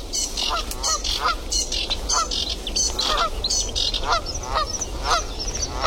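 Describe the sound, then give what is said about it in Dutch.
A group of Canada geese on the water honk nonstop, their loud, nasal calls overlapping in a rapid, uneven chorus, with a steady low background rumble and no voices. “Ze zitten wel op het water, die Canadese ganzen. Ja, ja, die gaan niet meer ophouden nu.”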